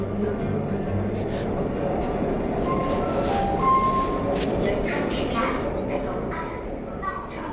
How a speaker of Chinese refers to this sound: 安和被地铁提示音拉回现实。